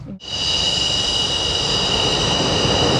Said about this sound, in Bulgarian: изтребител F-16, за да излети от авиобаза Граф Игнатиево за военната демонстрация в София.